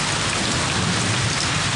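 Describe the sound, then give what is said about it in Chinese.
Steady, dense rain pattering on hard surfaces, a constant hiss of countless drops at an even, fairly loud level with no voices. “我不管，我今天你说什么，今天不停雨你不能出去。”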